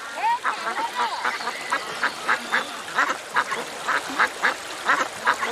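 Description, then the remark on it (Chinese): A flock of ducks quacks continuously in dense, overlapping bursts, a busy chorus of nasal calls repeating in a rough, steady rhythm at moderate loudness. “小小年纪就放鸭子补贴家用，由此与鸭子结下了一生的情缘。”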